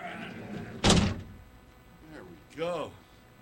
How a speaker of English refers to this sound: Me, myself, I'm going to incarcerate myself. Where is it? Big-ass door, right here. Hey, buddy, big-ass door. Here we go. Gotta incarcerate.